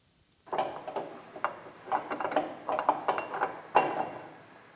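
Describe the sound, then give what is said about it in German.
The engine of a 1952 Hanomag R16 tractor, originally from Hannover, runs at an agricultural museum in Kampen after its broken pump was refitted: a steady mechanical clatter, its dense rattling knocks and metallic ticks rising and falling in uneven bursts after a short silence at the start. “Das ist ein Hanomach R16 von Baujahr 52.”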